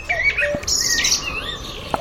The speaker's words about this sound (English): So if you're short on the sound of birdsong where you are, we'll often hear it here on Boom about this time on a Sunday morning when we step out into the garden of our nature watcher,